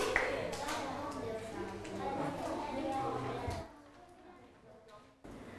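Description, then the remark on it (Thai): A class of students applauds together for group 5 after their data presentation, a dense burst of clapping mixed with chatter that lasts a few seconds and then fades out, leaving quieter background voices. “ทุกคนปรบมือให้กลุ่มที่5หน่อยค่ะกลุ่มที่5เก่งมากลูก”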